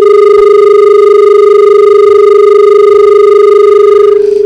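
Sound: telephone ringing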